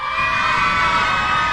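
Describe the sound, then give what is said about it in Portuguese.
A loud crowd of children shouting and cheering together at the Grupo RBS stand, a dense, continuous roar of high voices sustained throughout the short burst. “Quer ver as crianças? Criançada, faz barulho aí!”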